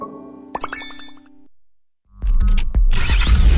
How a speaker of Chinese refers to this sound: 引擎与马达的轰鸣，轮胎与地面的摩擦，动力与能量的释放，速度与激情的升华，梦想与现实的博弈